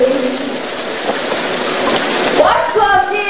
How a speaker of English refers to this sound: later, he shaves at the mirror while Muriel takes a shower.